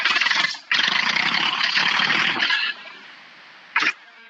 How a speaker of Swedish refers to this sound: men jag vet inte om det hörs i radio, men jag ska starta traktorn för jag sitter nu, jag är på väg.